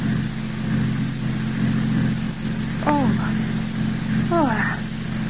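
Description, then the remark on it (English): A car engine drones steadily as the car, hurriedly turned around, drives back up the road toward a turnoff, a low rumbling hum that keeps going throughout, with two brief, rising vocal cries breaking in over it near the end. “5 minutes later, Paul has hurriedly turned the car around and drives back up the road to the turnoff marked Dr.”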